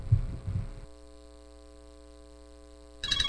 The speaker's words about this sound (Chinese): 咦，老婆，个女用视像打长途电话翻嚟喎。